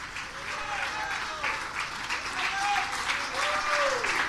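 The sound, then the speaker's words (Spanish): During a Spanish-language worship service, an audience applauds Almighty God. It is a dense, steady wash of clapping that lasts for several seconds, with a few voices calling out faintly beneath it. “Si Él ha hecho algo en tu vida, dele un aplauso al Dios Todopoderoso. Dele un aplauso al que vive para siempre.”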